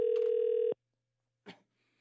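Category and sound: signal or alarm, telephone ringback tone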